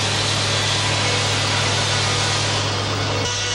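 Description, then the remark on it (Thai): A sawmill blade grinds steadily through timber logs floated down the Salween River from the north, processed for export to Japan; a loud, continuous rasping roar over a low motor hum, with a slight shift in pitch near the end. No voices are heard. “ต้นซุงจะถูกล่องมาตามลำน้ำสารวินจากภาคเหนือเพื่อมาแปรรูปที่โรงเลื่อยแห่งนี้และส่งออกไปประเทศญี่ปุ่นทั้งหมดโดยผู้รับสัมปทานชาวต่างชาติ”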